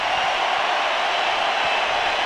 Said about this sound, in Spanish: Los dejo para que escuchen la ovación a Julián Quiñones.